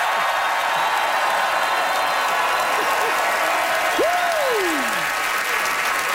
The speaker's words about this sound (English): Okay. Distinguished applause.